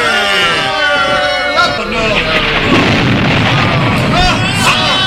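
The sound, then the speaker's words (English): Several sharp thunderous cracks and booms of lightning from a clear sky burst over a loud, continuous din of shouting soldiers in a chaotic battle between Philistines and Israelites. “Lightning from the clear sky!”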